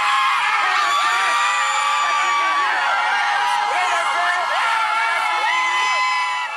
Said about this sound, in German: Als Haitis blauer Mannschaftsbus am Donnerstag vor dem Teamhotel in Boston vorfährt, gibt es bei den Fans kein Halten mehr.